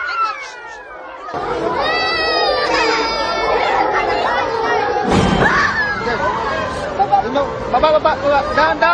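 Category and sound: crowd, students crying and screaming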